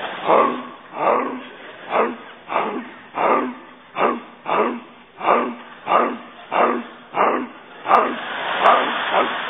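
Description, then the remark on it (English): A dog barks over and over at a steady, regular pace, about a dozen barks in under ten seconds, moderately loud, with no other sounds around it. “Had a dog wake me up last night barking 3 o'clock in the morning.”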